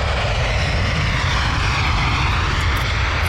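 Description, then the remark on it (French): A loud, steady roar of a Jet2 airliner's engines as it lands, a dense low rumble with broad hiss on top, continuous, with no voices. “Alors il y a un truc, parce que là on a vu l'avion qui se posait là, qui s'appelait Jet 2, et puis c'était marqué au-dessus, j'ai plus le truc, mais je vois Package for Holiday.”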